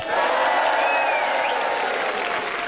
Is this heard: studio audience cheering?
yes